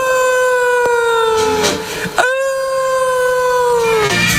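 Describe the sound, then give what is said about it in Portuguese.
Long, sustained howls of wolves rise and fall in pitch, several overlapping loud cries, with a brief break midway before they swell again. “Ali no meio do monte, cheio de lobos.”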